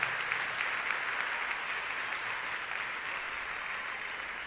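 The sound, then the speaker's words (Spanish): Sustained audience applause given to Jesus, a dense wash of many hands clapping at a steady, fairly loud level throughout, with no individual claps standing out and no one speaking over it. “Dele ese aplauso grande a mi Señor Jesús.”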